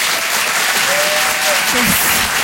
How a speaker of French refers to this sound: Je vous demande un tonnerre d'applaudissements là aussi pour Philippine Delair.